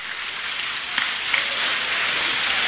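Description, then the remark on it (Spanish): An audience applauds the Lord steadily, a dense, even wash of clapping that holds at the same level throughout, with a couple of sharper claps standing out near the start. “Aplauda al Señor.”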